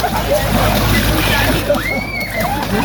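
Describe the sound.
Water splashes and sloshes as young Whitsun lads jump into water in Alsdorf, a busy wet churning over a steady background of crowd noise and voices, loud throughout.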